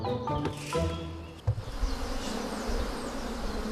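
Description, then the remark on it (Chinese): A dense, continuous buzzing of many honeybees swarming, steady throughout, with no voices. It is a clear day in a mountain forest under hot midday sun, as the colony divides and the bees are drawn into a conical bee hood. “蜜蜂喜阴凉，午时刺热的阳光照射丛林，这正是分蜂的好时机。”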